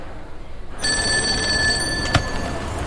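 A telephone in a street telephone booth starts ringing abruptly, a steady, bright electronic trill that continues to the end, clear over low background noise, with a brief knock partway through.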